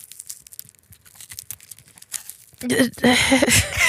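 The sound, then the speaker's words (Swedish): Dry skin being peeled off a medium-sized, organic red onion from a garden, before a world-record attempt at eating an onion fastest: a run of irregular papery crackles and crinkles, fairly quiet, before people start talking over the last second or so. “Lyssna på skalningen.”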